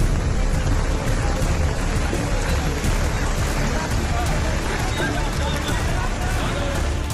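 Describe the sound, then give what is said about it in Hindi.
Steady, dense heavy rain pours without letup in Sudham Nagar, Nalasopara, during a rescue operation amid waterlogging, a loud continuous hiss, with indistinct voices murmuring faintly beneath it. “अब नालासोपारा में भारी बारिश के बीच रेस्क्यू ऑपरेशन की तस्वीरें देखिए।”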